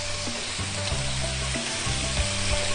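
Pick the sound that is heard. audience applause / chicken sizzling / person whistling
chicken sizzling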